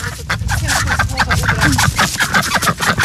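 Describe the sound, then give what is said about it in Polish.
A busy chorus of ducks and other fowl quacking and clucking at a small pond as a woman brings them food, calls overlapping continuously with some splashing and rustling in the background. “Ale tutaj teraz jest niesamowita scenka rodzajowa, a mianowicie do tych ptaków przyszło jedzenie.”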